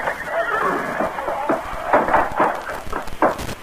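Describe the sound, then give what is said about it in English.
A horse shifts about in its stall, a steady rustling broken by several sharp thumps and breathy snorts, with no voices. “There, Firefly. He's not been taken away.”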